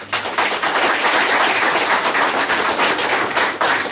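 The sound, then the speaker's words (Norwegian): A crowd applauds, many hands clapping in a dense, crackling wash that stays loud and steady for about four seconds, with a brief dip at the start and another near the end. “Så kanskje nesten en liten klapp for det.”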